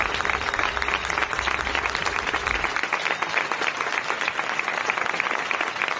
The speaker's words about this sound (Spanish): Su partida generó la ovación de personas que tienen tomada la Plaza del Sol en defensa de un hogar.